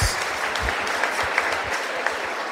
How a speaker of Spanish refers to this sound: Bravo, un aplauso